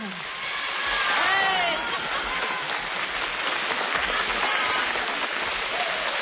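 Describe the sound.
An audience in Radio 1's hall on Via Asiago applauds steadily for Pippo Baudo for several seconds, a dense, even wash of clapping with a few cheering voices and whoops rising over it.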